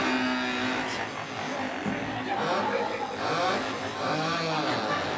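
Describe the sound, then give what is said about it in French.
Several people imitate mopeds revving with their voices as a sound-effect version of the salsa boliviana, overlapping buzzy vocal drones that rise and fall in pitch, loud and continuous throughout, like a crowd of small engines whining. “Voilà, on entend déjà des mobilettes.”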